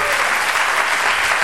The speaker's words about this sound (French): Vous pouvez applaudir très fort notre ami au bruit, là.